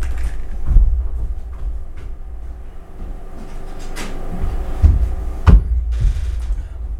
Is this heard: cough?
no